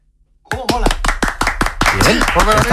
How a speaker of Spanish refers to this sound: Estabais tardando en darle un aplauso a Vitaldent, claro que sí.